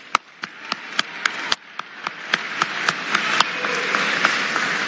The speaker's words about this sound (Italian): Buongiorno a tutti, siete bellissimi, fatevi un applauso.